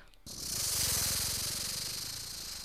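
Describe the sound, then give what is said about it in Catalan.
A voice imitates a snake's hiss and rattle, a steady breathy hiss with a rapid buzzing flutter underneath, sustained for a couple of seconds after a brief quiet start. “Anem, una serp?”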